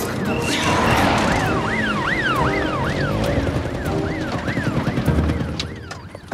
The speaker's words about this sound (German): Außerdem rangiere ich doch jetzt hier nicht rum, wenn die Polizei mit Sirenen hinter uns ist.